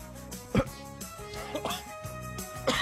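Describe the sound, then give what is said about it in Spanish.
A person on a live broadcast coughs and clears their throat, with a couple of sharp, harsh bursts spaced across a few seconds over a steady background hum. “Ay, perdón, estoy en vivo, Ay, güey, la ando haciendo de tos.”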